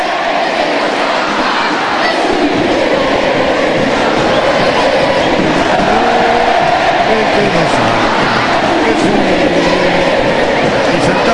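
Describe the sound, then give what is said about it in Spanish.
A huge stadium crowd at the Monumental roars a chant in unison during an Argentina friendly match, right after the anthem. Thousands of voices rise and fall in a sung melody over a dense, steady wall of noise that stays loud for the whole stretch. “se genera otra vez ese sentido de pertenencia y este grito es atronador”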